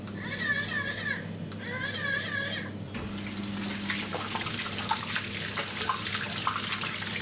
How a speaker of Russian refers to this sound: Чтобы помыть руки, даже не нужно касаться смесителя. Просто прислоните их к нему. Смочили водой, направим их чуть правее.